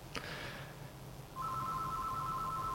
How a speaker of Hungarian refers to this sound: Egy... telefon...